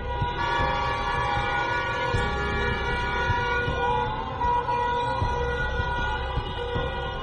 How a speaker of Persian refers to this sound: برخی از مردم در خیابان‌ها صدای بوق خودروهایشان را به نشانه اعتراض به قتل مهسا امینی به صدا درآوردند.